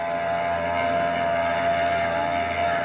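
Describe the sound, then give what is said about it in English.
The engines of the Brisbane Star, a large ship, drone steadily as it pulls away from its pier at the Embarcadero a few minutes before 12, a continuous, fairly loud rumble with a humming tone and no voices. “She's pulling out all right, baby.”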